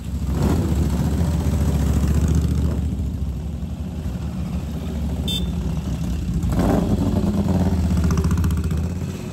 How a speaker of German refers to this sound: Der Sound der V2-Motoren ist an diesem Wochenende in Mandello allgegenwärtig.